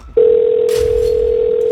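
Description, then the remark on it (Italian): A steady, pure electronic phone tone starts abruptly and holds at an even pitch, the first ring of a call as it connects, with a faint background hiss and no talking. “Primo squillo.”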